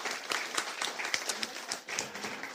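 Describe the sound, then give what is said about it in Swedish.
Audience applause for the performer's friends, a steady patter of many hands clapping at once, dense and moderately loud, sustained for a few seconds with no one speaking over it. “En applåd till er också.”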